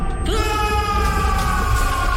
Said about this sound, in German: Sagt es mit mir gemeinsam. Befreit euch! Befreit euch! Reißt ihn heraus aus den Tiefen eurer Seele, den Schmerz! Und lasst uns jetzt laut zusammen schreien!